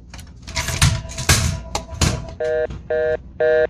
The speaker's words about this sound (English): am I receiving a phone call?